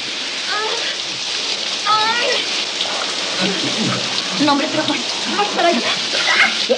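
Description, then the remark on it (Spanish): Shower water runs in a steady hiss that never lets up, falling onto a person's face, with faint, intermittent vocal sounds partly buried beneath the spray. “El agua le cae en la cara.”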